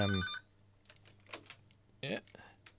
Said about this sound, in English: The phone is ringing back, but that's okay.